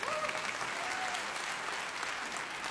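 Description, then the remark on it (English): A crowd during a church sermon claps and applauds together in a steady, dense patter of handclaps, fairly loud and sustained throughout, with a few faint voices or whoops mixed in. “Let's clap for that.”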